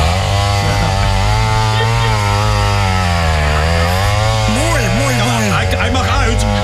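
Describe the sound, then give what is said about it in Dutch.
A chainsaw engine in a studio drones loudly and continuously for several seconds, its buzzing pitch holding steady, then rising and dipping as the throttle is worked near the end. “Maar ja, we hebben van alles, een motorzaag.”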